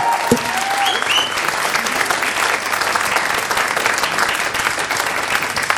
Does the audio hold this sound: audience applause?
yes